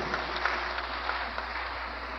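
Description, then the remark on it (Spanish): A crowd claps steadily, applauding the doctors, a dense, even wash of many hands with scattered sharper claps poking out, sustained throughout without pauses or voices over it. “Ah, le estás dando el aplauso a los médicos.”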